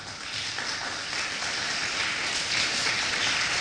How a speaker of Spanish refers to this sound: ¿Cuánto dicen gloria a Dios? Ahora sí, otro aplauso al Señor, por favor.